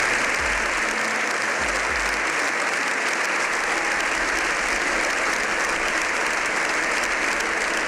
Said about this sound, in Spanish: Una ovació de 7 minuts